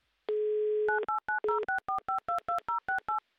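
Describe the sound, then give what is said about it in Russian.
A steady dial tone gives way to a quick, even run of about a dozen short electronic dialing beeps, each a two-note touch-tone chirp, with no voices, as a telephone number in Rostov-on-Don is dialed. “Вот так вот быстро, оперативно мы набрали номер телефона.”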